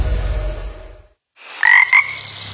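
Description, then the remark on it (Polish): A frog croaks in a short burst of raspy, warbling calls after a low rumble fades into a brief silence. The croaks are fairly loud, with no one talking. “A, do takiego dużego sklepu, żabko.”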